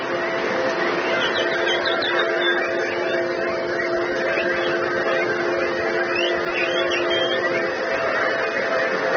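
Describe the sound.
A crowd of people imitates birdsong, many overlapping whistles, chirps and trills filling the whole stretch, steady and fairly loud over a continuous low droning hum.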